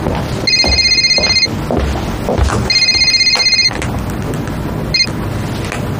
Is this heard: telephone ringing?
yes